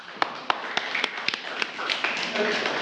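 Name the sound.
students clapping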